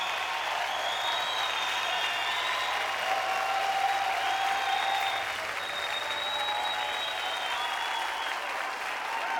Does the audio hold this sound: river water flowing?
no